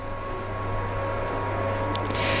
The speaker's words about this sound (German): Ja, so klingt da wieder der Staubsauger. Die letzten Vorbereitungen zur Eröffnung der Kölner Oper, die laufen noch, wie man hört.